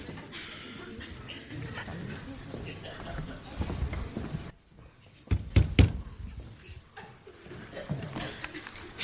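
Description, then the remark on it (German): A few quick, solid, loud knocks on an office door arrive after a brief hush, with muffled voices and room noise before and after. “Wenn man an eine Amtstür klopft, dann hat man zu warten, bis jemand hereinruft.”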